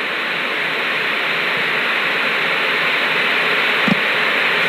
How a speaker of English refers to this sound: Well, there's nothing but static on the screen. That's to be expected since there are no longer analog stations.